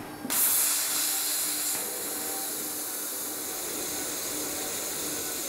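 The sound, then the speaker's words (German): An abrasive waterjet cutter, a water and quartz-sand jet at 4000 bar moving 10 cm per minute, cuts the logo of the Freiburg museums into a workpiece with a sudden loud, steady high-pitched hiss and spray, holding a constant harsh rushing tone with a faint tonal whine underneath, no voices. “Geschmeidig und gleichmäßig gleitet der Strahl, ein Wasser-Quarz-Sand-Gemisch, durch das Material.”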